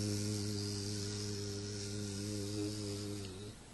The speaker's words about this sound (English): When bee is flying, she is chanting her mantra. You can hear them.